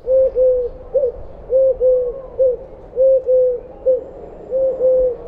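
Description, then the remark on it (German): A Eurasian collared dove calls alone, repeating a low, hollow three-note coo about four times in a steady rhythm, each phrase two sustained notes and a shorter final one. “Die Türkentaube ruft klar und dreisilbig etwa du, du, du.”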